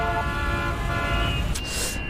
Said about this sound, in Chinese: 妈，我真的在路上了，一会儿就到家了啊，就有点堵车，你听。